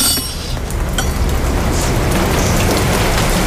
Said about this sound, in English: I curse myself for bothering to say this, but actually, I don't think the rain will blatter. I think it will ease off.